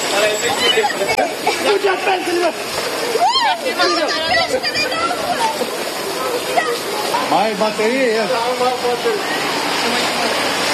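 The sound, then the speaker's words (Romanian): Steady, loud rushing and splashing of rainwater flooding a street where sewerage is entirely missing, with excited voices talking and shouting over it throughout. “Așa este mereu, da, când plouă. Circulă bine așa. Perfect! Apă.”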